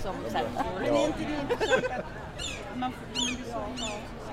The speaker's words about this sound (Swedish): Hör ni måsarna? Ja, nu är vi mitt i Almedalen eller strax något utanför alldeles snart.